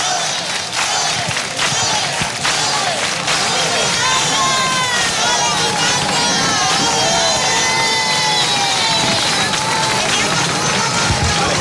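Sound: audience ovation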